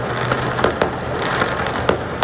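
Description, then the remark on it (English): Fireworks exploding on Halloween in downtown Vancouver, in a rapid, irregular series of sharp bangs and pops over a dense crackling roar, several louder blasts standing out, with no voices. “Yeah, as the sound of some of the fireworks on that was on a recent Halloween in downtown Vancouver.”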